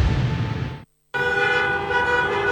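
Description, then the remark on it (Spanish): Car horns honk loudly over dense traffic noise, cut by a brief moment of silence before a long, sustained blare of overlapping horns resumes. “No te compliques con el tránsito.”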